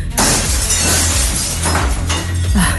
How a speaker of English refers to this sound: The horns of the ox have smashed all the window panes.